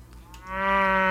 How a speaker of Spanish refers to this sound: Así hace la vaca.